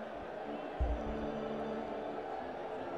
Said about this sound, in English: Crowd of nearly 15,000 here on a Wednesday night, and there's some energy in the building. And again, that crew in the upper deck is doing a lot to bring that energy late in this ball game.